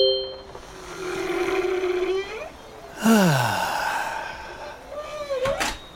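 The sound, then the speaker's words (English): Whale song: long, moaning calls that bend and glide in pitch, one rising sustained tone followed by sweeping downward swoops and a final upward whoop, played alone without talk. “The ideal soundtrack for relaxation. Whale songs.”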